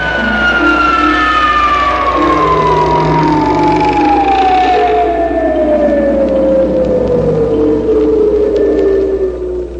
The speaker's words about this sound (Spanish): La próxima vez que suenen las sirenas de alarmas anunciando la presencia de objetos voladores no identificados, la incógnita se revelará.